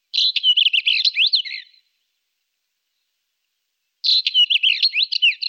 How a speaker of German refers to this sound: Mein Vogel der Woche, der sehr hübsche und vor sich hin schmetzende Steinschmätzer.